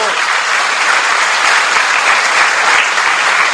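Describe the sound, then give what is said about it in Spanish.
A church crowd claps steadily and loudly for the catechists standing up, dense overlapping applause without pause for a few seconds. “¡Párense todas las catequistas! ¡Démosles un aplauso!”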